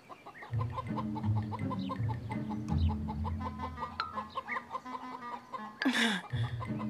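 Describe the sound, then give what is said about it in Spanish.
Several hens cluck steadily, their overlapping calls forming a busy, continuous chatter, with a sharp squawk near the end. “Así que decidimos ir con las expertas en huevos, las gallinas.”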